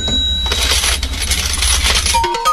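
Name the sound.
coins dropping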